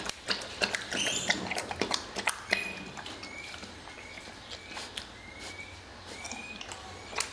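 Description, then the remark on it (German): Wet lapping and slurping as a bear laps up soup with its tongue, a quick irregular run of smacking clicks that thins out, with faint bird chirps in the background. “Also die saugen das nicht so wie bei den Lippenbeeren, sondern die schlappern das richtig mit der Zunge.”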